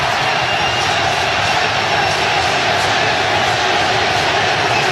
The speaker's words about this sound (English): You can hear the Ecuador crowd chanting for their team.